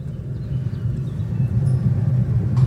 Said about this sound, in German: So, wir hören immer noch die Vorwärmgeräte.